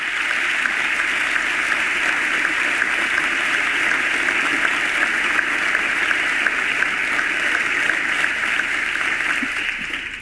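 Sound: audience ovation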